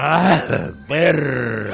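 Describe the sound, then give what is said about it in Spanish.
A man lets out a loud, exaggerated sneeze, voiced like a drawn-out cry in two bursts with a short gap, sounding more performed than natural. “Otra vez, otro estornudo.”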